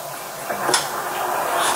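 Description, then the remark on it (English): An apartment door being opened by a man as an Okaloosa County, Florida sheriff's deputy waits outside, with a sharp latch click and a brief scraping swing against steady background hiss, followed by a second rattling movement near the end. “It took seconds for a Black man to open his door and for a deputy to fire.”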